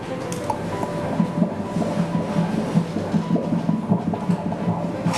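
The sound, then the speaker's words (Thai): A fast, steady whooshing pulse of a fetal heartbeat through an ultrasound Doppler during a prenatal ultrasound exam, beating about twice per second, a normal fetal rate, with a swishing, rhythmic texture over constant hiss. No one speaks. “อันนี้เป็นเสียงหัวใจเด็กนะคุณแม่หัวใจเด็กจะเต้นเร็วกว่าผู้ใหญ่2เท่าเพราะฉะนั้นจังหวะที่ได้ยินนี่คืออัตราปกติ”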